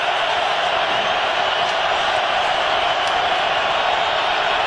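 A huge stadium crowd at an American football game roars steadily and loudly as the Rams face third down, a dense unbroken wall of cheering and yelling that holds at full intensity from start to finish, with no speech audible.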